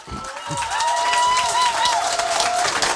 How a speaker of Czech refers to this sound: Přivítejme prosíme za potlesku Františka Kinského.